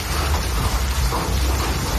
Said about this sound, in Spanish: Nos situamos en Barcelona, día de evaluar daños por las fuertes tormentas de intensas lluvias y granizo. Escuchen cómo barrían ayer Cataluña.